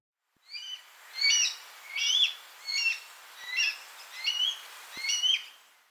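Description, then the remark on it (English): A baby blue jay babbles in a steady run of about seven short, squeaky bursts of warbling chirps, clear with no talking. Each burst packs varied twittering notes, like a bird trying out sounds. “Here's what a baby blue jay sounds like babbling.”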